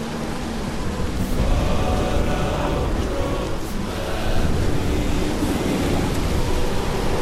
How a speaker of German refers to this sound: Ah, aber hör mal genau hin. Da ist etwas im Wind wie Lieder. Was redest du da? Was für Lieder? Das ist nur der Sturm.